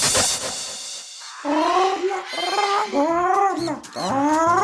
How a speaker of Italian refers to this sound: Anche il pappagallo te lo ricorda, perché quando l'officina meccanica è affidabile, la voce si sparge.